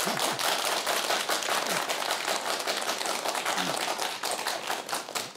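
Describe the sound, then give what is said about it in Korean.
A crowd applauds steadily for several seconds, a dense wash of many hands clapping at once, full, tapering off slightly near the end. The audience is welcoming a guest author, a scholar of Hunminjeongeum, to give a talk. “여러분 큰 박수 부탁드리겠습니다.”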